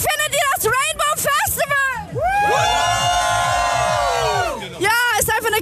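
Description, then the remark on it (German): A festival crowd at the Rainbow Festival at Fühlinger See in Köln cheers and whoops on a hot day in a loud, sustained roar, with high-pitched shouts rising above a steady rhythmic bass beat and some voices calling out. “Also ihr hört's, die Stimmung hier beim Rainbow Festival in Köln am Fühlinger See ist richtig klasse.”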